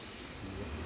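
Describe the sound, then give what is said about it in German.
A steady, loud rumble of a train at a platform of Flensburg main station, shortly after 12 noon, with deep low-end noise and a broad hiss, continuous for a brief moment with no voices. “Flensburg Hauptbahnhof, kurz nach 12 Uhr mittags. In wenigen Minuten fährt hier der Zug aus Dänemark ein.”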